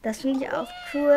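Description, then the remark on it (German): A robotic toy cat gives a single drawn-out electronic meow that slides downward in pitch, sandwiched between a person speaking briefly before and after it. “Und sie kann auch miauen.”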